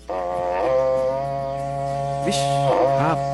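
A berrante cattle horn blows one long, loud, buzzy note lasting about three seconds, holding a steady low pitch before wavering and bending twice near the end.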